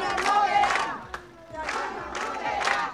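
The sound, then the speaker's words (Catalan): About sixty neighbours and members gathered at the doors of the senior citizens' centre in the Son Cladera district of Palma shout in unison, demanding its reopening: two loud rhythmic bursts of chanting separated by a brief lull with a sharp clap or knock, voices strained and mid-pitched. “Són els crits dels veïnats de Son Cladera, reclamen la reobertura d'aquest centre de la tercera edat que va ser desnonat, recordem, ahir, després de més de 3 anys de lluita dels veïnats.”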